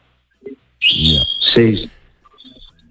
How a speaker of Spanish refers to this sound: Y te dejó también lo de la alpargata y te dejó ahí unos pajaritos que estoy oyendo de fondo. Este es una capurni que tengo ahí que siempre no me va a escuchar y no cae sí, nunca.